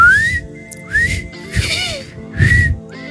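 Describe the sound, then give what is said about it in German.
Someone whistles a few short, wavering rising notes with breathy gaps between them, sounding like a clumsy attempt at a tune rather than a clean melody. “Ich muss nochmal pfeifen lernen.”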